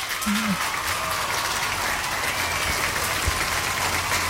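A steady burst of applause, dense clapping from many hands at an even, fairly loud level with no voices standing out, given for audience members who answered a quiz question correctly.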